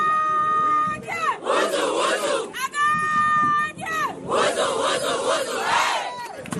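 A women's football team shouts its war cry at the foot of a statue of the Amazon, a loud, rhythmic chant in unison, with high sustained calls alternating with bursts of rowdy collective yelling, energetic, repeating twice.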